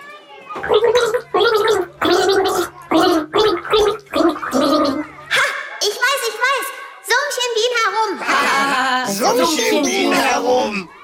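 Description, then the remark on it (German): Someone gargles the children's tune 'Alle meine Entchen' with a mouthful of water, the bubbling voice rising and falling through the melody in short phrases, then longer wavering notes, fairly loud throughout. “nimm einen Schluck, du bist dran.”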